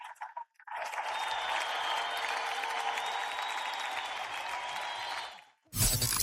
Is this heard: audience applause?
yes